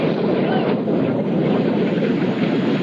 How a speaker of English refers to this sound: The Bezos-owned Blue Origin rocket exploded on the launch pad early this morning.